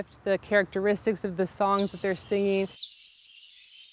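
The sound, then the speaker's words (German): Native songbirds sing a quick run of high, thin, evenly repeated chirps that continue steadily to the end, clear. A man's voice talks over the first part before falling silent. “Ganz schön clever, unsere heimischen Vögel.”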